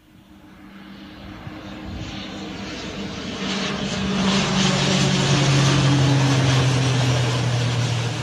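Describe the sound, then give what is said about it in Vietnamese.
A CASA C-295 propeller transport plane lands at Gia Lâm airport in Hanoi, its engine drone growing louder with a steady low hum and shifting tonal whine, with no voices. “Đúng 11:30 ngày 21 tháng 8 năm 2026, sau 3 giờ bay từ sân bay quốc tế Tân Sơn Nhất, máy bay CASA C-295 hạ cánh xuống sân bay Gia Lâm”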